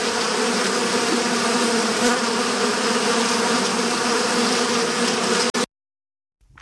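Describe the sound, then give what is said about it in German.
A loud, steady buzzing of bees drones for about five seconds, dense and continuous, then cuts off abruptly into silence. “Es ist viel wahrscheinlicher, von einer Biene oder einem Menschen getötet zu werden, als von einem Bären.”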